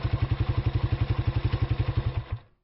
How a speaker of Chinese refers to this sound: 哎，这发动机怎么突然熄火了？